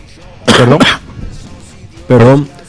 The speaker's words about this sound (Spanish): Perdón por la tos.